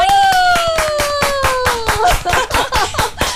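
Steady, rhythmic applause of sharp, evenly spaced claps, about five per second, with a falling sustained tone over the first two seconds before the clapping continues alone.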